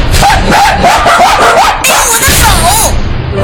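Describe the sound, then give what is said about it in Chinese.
The neighbor's Doberman, Dahei, off its leash after dashing into an elevator, barks and yelps loudly and continuously, its agitated cries rising and falling in pitch over a dense, noisy scuffle for about three seconds. “电梯门一开，瑞蒂大惊，邻居家的杜宾犬大黑窜了进来。”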